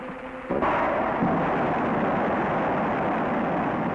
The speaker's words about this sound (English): Here at the Rocketdyne Propulsion Laboratory, in a blast-scarred valley of the Santa Susana Mountains, parts of the engine which will power Americans on their first voyage to the moon are about to be test-fired. Ignition start.